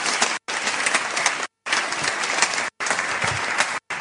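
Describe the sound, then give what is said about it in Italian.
Loud, dense applause from a crowd welcoming a speaker, sustained clapping that fills the space, broken by a few abrupt gaps of silence. “Fulvia Guardascione, accogliamola con un grande applauso.”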